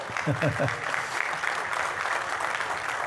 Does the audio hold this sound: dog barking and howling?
no